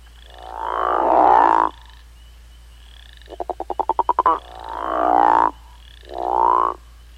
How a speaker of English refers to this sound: The call of the crawfish frog is a deep, resonating, guttural snore that males use to attract females during the breeding season.